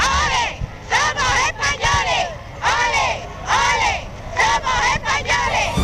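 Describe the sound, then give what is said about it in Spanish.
A large, fervent crowd in the streets of Ceuta, receiving the King and Queen of Spain, chants loudly "ole, ole, ole, somos españoles" in repeated rising and falling phrases, voices swelling together in a steady rhythm over a constant roar of outdoor noise. “El pueblo ceutí salió en masa a la calle para recibir a los Reyes, una multitud enfervorecida y apasionada que gritaba aquello de ole, ole, ole, somos españoles.”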